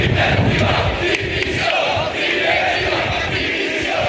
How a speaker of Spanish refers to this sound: Este es el grito que más se repetía entre los aficionados sevillistas que se manifestaron ayer, entre 8 y 10.000 según fuentes policiales.